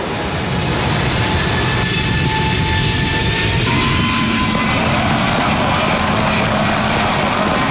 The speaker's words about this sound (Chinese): 在经历了第一步的挫折和艰难的摸索等待后，2017年5月5日 C919 从容地抬起头，穿越云层翱翔在东海之滨，以近乎完美的姿态完成首飞，翻开了中国民用航空事业史册的崭新一页。